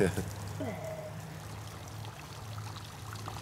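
Wine pours steadily into a glass, a soft continuous splashing that rises briefly at the start and then settles over a low background hum.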